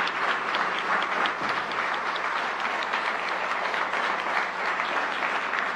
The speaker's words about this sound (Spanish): Así que, por favor, un aplauso que les llegue a todas y todos en toda Iberoamérica.